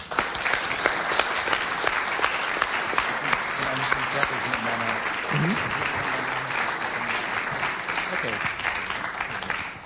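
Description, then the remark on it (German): Sustained audience applause for the Vogt-Theater, dense clapping from many hands at a steady, even loudness for about ten seconds, with faint voices and a few brief calls mixed underneath. “Also, ein Applaus vielleicht schon mal an das Vogt-Theater.”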